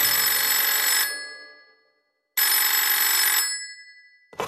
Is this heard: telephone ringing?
yes